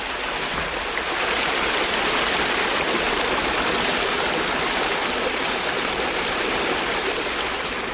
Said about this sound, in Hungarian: kisétálunk a malomárok végéhez, ahol jól hallatszik a víz csobogása.